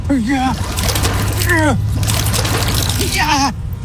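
Water sloshes and splashes steadily about in a fish bowl inside a moving car, with short vocal sounds breaking in over the churning liquid near the start, middle and end.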